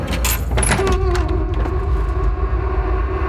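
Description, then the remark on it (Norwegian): A door handle clicks and rattles, then a hotel door swings open with a faint creak, all over a steady low rumble in the background. No voices. “Hånden grep om dørhåndtaket.”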